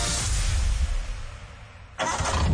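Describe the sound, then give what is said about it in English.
A Nissan car engine runs roughly with a slipping clutch, its strained, grinding roar easing off briefly before surging back loud for the final stretch. “That's not a purr, man. Your clutch is slipping.”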